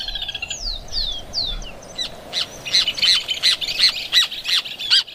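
Loud bird calls from a pair of hamerkops at their newly built nest in a tree: a few descending whistled notes open, then a rapid series of harsh, repeated squawking calls ring out with no talking.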